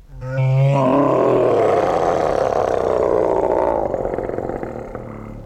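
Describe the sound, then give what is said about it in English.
A single loud, drawn-out roar performed by a human voice, opening with a rising growl and rumbling on for several seconds before fading; no speech. “So I began working hard on my roaring.”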